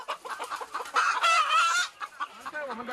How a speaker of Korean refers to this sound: 이곳에서 키우는 닭이 좀 생소한 닭이라고 합니다. 이 닭인가요? 작은 체구에 독특한 외모를 가진 귀비 닭입니다. 최근 프리미엄 달걀로 주목받고 있다고 하네요.